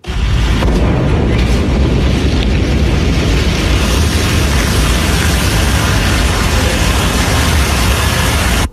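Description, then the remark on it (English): A massive, sustained roaring blast as a Blue Origin New Glenn rocket explodes into a fireball during a late-night launch pad test in the U.S., shaking nearby homes; a thick wall of low rumbling noise that stays loud and steady for several seconds, with no voices. “A Blue Origin rocket has exploded into a fireball during a late-night U.S. launch pad test, shaking nearby homes.”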